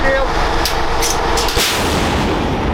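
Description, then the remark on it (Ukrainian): A single heavy blast from a Bohdana self-propelled howitzer firing a shot at a target, loud, cutting through a constant low engine rumble with a brief voice early on. “Богдана може бити по цілі за десятки кілометрів.”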